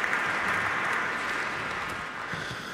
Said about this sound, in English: Standing ovation here at Orchestra Hall. So glad you could listen on your classical NPR to the Minnesota Orchestra play Prokofiev.